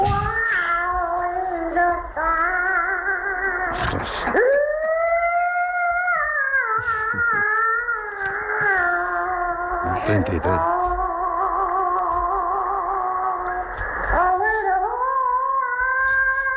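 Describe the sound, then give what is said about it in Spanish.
An old, muffled 1933 recording, made in a cotton field, of a child singing alone in long, high, wavering notes that slide and bend, broken by a few short pauses, over a steady background hiss. “Y atención, sí, esta vieja grabación es de 1933 en un arrozal de algodón de allí.”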